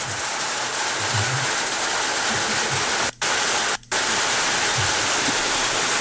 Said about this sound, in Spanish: ¡Ah, está lloviendo!